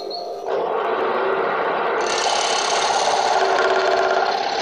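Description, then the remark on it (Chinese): A scroll saw, a machine originally made for advertising work, buzzes steadily, its rapid reciprocating chatter starting after a brief pause and growing brighter and harsher partway through as it bites into the material, used as bone-carving equipment. No voices. “缝纫机一样，那个线锯机，那是做广告的设备。”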